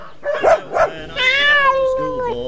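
Dogs bark twice in quick succession, fairly loud, then a long, drawn-out whine follows, its pitch gradually sliding downward.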